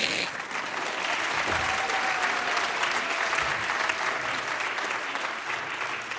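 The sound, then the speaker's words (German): An audience claps steadily for several seconds, a dense, even wash of many hands applauding without a pause, fairly loud throughout. “Ja, ja, könnt ruhig klatschen.”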